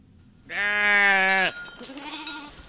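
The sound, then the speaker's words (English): A Churro sheep lets out one loud, wavering bleat lasting about a second, followed by a fainter, shorter bleat from another animal amid light outdoor background noise, as herders bring dozens of Churro sheep and goats up to the Carrizo Mountains on the northeastern Navajo Nation. “On the northeastern Navajo Nation, herders and weavers are bringing dozens of Churro sheep and goats up to the Carrizo Mountains.”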